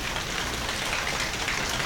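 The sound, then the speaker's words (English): A crowd imitates softening rain, producing a dense, steady patter of tiny taps and rustles that sounds like light rainfall on a surface, even and continuous with no talking. “Sometimes when the rain finishes, you hear some big drops in there too, along with the little ones.”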